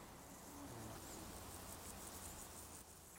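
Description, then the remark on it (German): A nightingale grasshopper's faint, distant buzzing song keeps up steadily over soft, hissy outdoor meadow ambience, with no voices present. “Auf der Wiese aber verraten sie sich durch ihren Gesang. Erst da hinten ist es, das ist der Nachtigallgrasse.”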